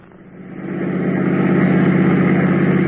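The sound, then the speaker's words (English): A car engine runs with a steady, low droning hum that swells over the first second and then holds at an even, fairly loud level, with no voices. “All right, park the car, quick.”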